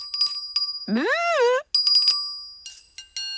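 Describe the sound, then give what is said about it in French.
A small bell rings several times in quick, uneven jingles, bright and high-pitched with lingering shimmer, broken by a rising, swooping voice-like tone in the middle. “Il y a une clochette que son copain mouton lui a donnée.”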